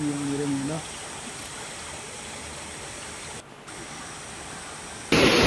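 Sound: flowing floodwater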